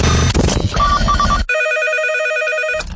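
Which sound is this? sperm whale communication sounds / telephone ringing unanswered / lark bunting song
telephone ringing unanswered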